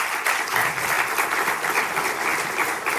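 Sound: audience applause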